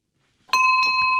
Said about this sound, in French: Voilà, c'est le son de la cloche, c'est parfait.